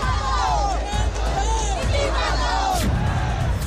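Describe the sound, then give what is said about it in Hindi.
A crowd of protesters at a sit-in at Jantar Mantar chants and shouts together, demanding Dharmendra Pradhan's resignation, in a dense, continuous roar, with rising and falling voices overlapping and occasional sharper yells breaking through. “जंतर मंतर पर धरना जारी, क्या है आगे की तैयारी, प्रदर्शनकारियों की एक ही आवाज, इस्तीफा दें धर्मेंद्र प्रधान।”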